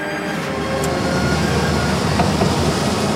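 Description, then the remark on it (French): The engine of a CAESAR military truck carrying a cannon drones steadily during a military parade, heard from aboard the truck: a loud, constant low rumble with road noise and no pauses, and no voices. “nous sommes effectivement dans un César avec Timothée et nous sommes donc un César, donc c'est un camion doté d'un canon”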